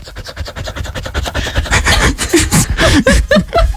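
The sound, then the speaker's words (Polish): A mixed-breed dog named Chitos, back from a walk, pants in a voice message: rapid, steady, quick rhythm of raspy, breathy huffs, loud and on its own, growing rougher and more uneven toward the end. “Zaprezentować, bo wyciąłem samo dyszenie z twojej głosówki.”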